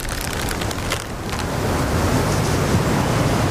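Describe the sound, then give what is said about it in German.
Storm wind roars in a steady, dense wash of noise with a deep low rumble underneath, holding loud and constant throughout with no voices. “Das Unwetter, meinig.”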